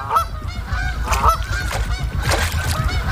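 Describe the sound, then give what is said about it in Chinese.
In cold weather, a flock of waterfowl crowded into the small unfrozen area at the center of an icing lake calls continuously, many nasal honks overlapping in a loud, steady chorus over a low rumbling background, with no voices. “天气越来越冷，湖面的冰层越来越厚，成群的水禽只能聚集在湖心没结冰的有限范围内。”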